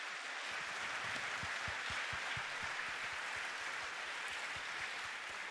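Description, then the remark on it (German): Steady crowd applause for a group of young singers, many hands clapping in a dense, even wash of noise that stays loud for several seconds, with individual claps faintly audible underneath and no voices. “Nochmal einen kleinen Applaus für euch.”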